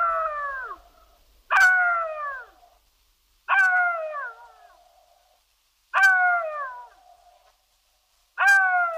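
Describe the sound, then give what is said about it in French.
A jackal howls alone in a series of five loud, wavering cries. Each starts abruptly, slides downward and trails off before the next begins. “Parce qu'il hurle à mort, rôde autour des cimetières et se nourrit de cadavres, le chacal est un animal de mauvais augure, au même titre que le loup.”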